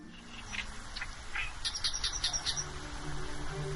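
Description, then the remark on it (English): Several migratory birds chirp and tweet in a mangrove in Shenzhen, China, in quick, high-pitched bursts over a soft ambient hiss, with calls clustering into a busy flurry midway through. No one speaks. “Nestled in the shadow of one of the busiest cities on Earth, this time of year, 100,000 migratory birds call this lush mangrove home.”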